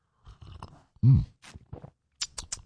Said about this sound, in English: All right, grab a little coffee, a little juice, a little OJ, whatever you need to get your day off to a good start. It is the morning slurp.